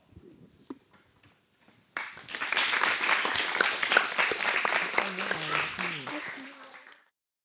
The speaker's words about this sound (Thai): ค่ะก็ขอชื่นชมแล้วก็ให้นักเรียนปรบมือให้ตัวเองอีกครั้งหนึ่งครับนะคะอ๋อยอดเยี่ยมเลยนะคะ